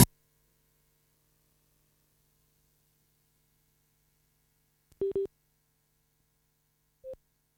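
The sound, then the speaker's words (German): A mobile phone busy tone after a disconnected call: a pair of short electronic beeps, then one more a couple of seconds later, clear against near silence with a faint low hum. “So, Entschuldigung, jetzt hat irgendwie sich mein Handy disconnected.”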